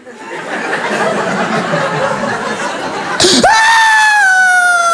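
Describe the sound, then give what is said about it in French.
After about three seconds of crowd laughter and murmuring, a voice imitating a baby who first cries silently, 'on mute', bursts into a sudden loud, high, sustained wail that slowly sags in pitch. “Et il y en a une qui pleure en mute.”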